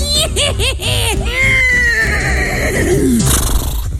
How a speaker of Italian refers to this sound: Potete lasciare un messaggio dopo il nitrito acustico.